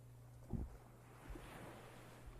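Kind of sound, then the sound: nature, ocean waves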